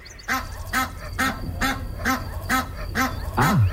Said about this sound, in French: C'est un canard, non? C'est un animal. C'est une oie.